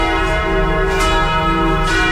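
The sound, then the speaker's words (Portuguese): Church bells in Jequié ring steadily at 11:45 with a rich, sustained metallic tone, overlapping strikes blending into a continuous resonant peal, fairly loud, with no voices. “Preste atenção, aumenta o volume do rádio, vamos ouvir os sinos.”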